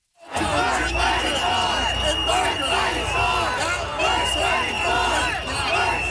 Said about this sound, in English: So they're yelling, worth fighting for. They chanted the entire time Premier Doug Ford was on stage, pretty much drowning him out.